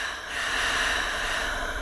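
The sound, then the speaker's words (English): A deep, airy breath drawn in and let out, a steady rushing hiss lasting a couple of seconds with no talking. “And breathing.”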